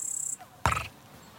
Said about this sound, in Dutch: Sprinkhaanzanger. Hoor je? Terwijl kinderen vlakbij in het water speelden, bleef hij onverstoorbaar zingen.